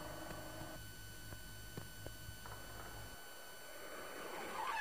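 Near the end, a car's brakes screech out of a quiet, humming background, a brief shrill squeal rising over the low drone after a few faint clicks.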